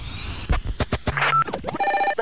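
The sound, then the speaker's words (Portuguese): A telephone rings with bright, rapidly trilling bell tones, loud, mixed with sharp percussive hits and other produced sound effects. “351089. O telefone.”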